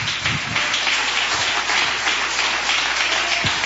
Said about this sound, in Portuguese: E palmas de vitória para Jesus.